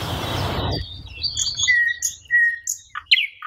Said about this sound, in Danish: Det er rigtigt. Det var faktisk en nattergal.